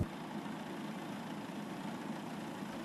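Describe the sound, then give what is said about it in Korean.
A tractor engine idles and drones steadily, a continuous low rumble with a slightly uneven pulse and no voices, as the tractor cuts rice in a paddy field. “그리고 지금 논에는 지금 다 수확이 돼 있고, 지금 저기 보면 트랙터가 하나 예. 별을 베고 있는데,”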